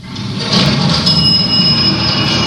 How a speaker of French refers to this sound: Ah oui, tu l'as dit, oui. Un ascenseur. Ouais. C'est un ascenseur. Bah, un ascenseur, c'est pas presque un métro. C'est un métro vertical, on va dire.